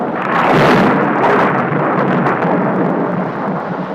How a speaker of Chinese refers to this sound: 有一天下午，這裡突然下起了暴雨加冰雹。